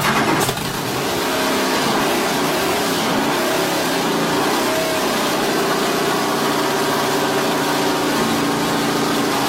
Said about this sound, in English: That is a recording of Bruce McLaren's Can-Am.